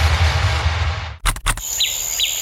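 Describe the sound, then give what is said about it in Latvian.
After a stretch of rushing noise and two sharp thumps, a couple of brief bird chirps ring out in a meadow over a quiet, steady outdoor background, with no one speaking. “Te, kur mēs dzīvojam, ir pļāva un putni dzied.”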